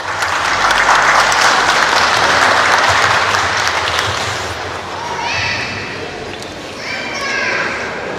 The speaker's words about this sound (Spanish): discurso central, inauguración del presente campeonato deportivo intersectores poblacionales de ITE, a cargo de nuestra lideresa municipal, alcaldesa distrital de ITE, señora Urbelinda Chacón Díaz, a quien recibimos con un fortísimo aplauso.